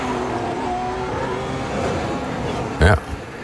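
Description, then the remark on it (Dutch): A race car engine revs and drops quickly through its gears as the driver brakes after going straight on at a corner, the tone shifting with each change, then a sharp loud blip near the end; a voice may be faintly present underneath. “Moet hem ook even snel door de versnellingen gaan om af te remmen.”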